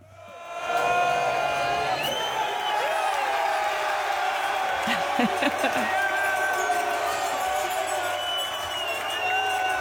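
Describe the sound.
A packed pub crowd erupts in sustained cheering and shouting at the full-time whistle on Saturday night, loud and continuous for the whole stretch, with whoops and bellowing voices rising over the dense roar.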